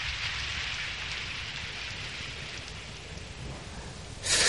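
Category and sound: nature, heavy rain with thunder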